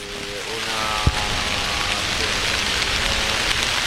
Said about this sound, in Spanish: Cuando son las 7 y 3 minutos de la mañana, las 6 y 3 en Canarias, así suena a esta hora la Puerta del Sol con las primeras gotas de lluvia que empiezan a caer sobre ese núcleo central de la Plaza de Madrid.